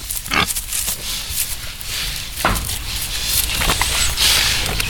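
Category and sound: animal, pigs grunting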